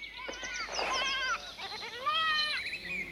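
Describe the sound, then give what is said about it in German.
Several goats of a herd bleat in close succession, their wavering, nasal cries overlapping loudly, with no talking underneath. “Du kannst die Ziegen doch auch später abliefern.”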